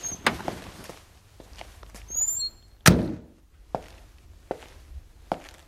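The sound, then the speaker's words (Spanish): A car door clicks open and then shuts with a solid thud as the driver gets out of the car, stopped at a crossing in deserted city streets at 10:05 in the morning, followed by a few scattered footsteps on pavement. Quiet surroundings, no voices. “Sale del coche.”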